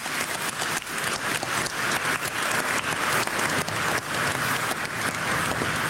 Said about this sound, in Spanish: Hoy celebramos Domingo de Pentecostés, la venida del Espíritu Santo. Un aplauso al Espíritu Santo.